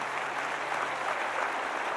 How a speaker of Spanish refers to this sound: ¿Alguien puede darle un aplauso al Señor en esta mañana?